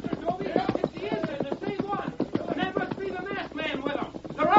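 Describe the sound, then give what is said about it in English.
Galloping hoofbeats of a posse's horses coming this way drum in a quick, steady rhythm, with voices talking over them throughout. “horses. That's right. Come to hear him, too. They come this way.”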